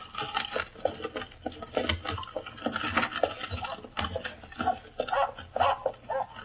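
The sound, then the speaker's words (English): A dog, Pip, snarls and growls in a carriage while trying to bite a woman, harsh guttural bursts coming in a rapid, irregular stream with snorting breaths between them, fairly loud and sustained throughout. “By Jove, he's snarling. He's trying to bite the woman.”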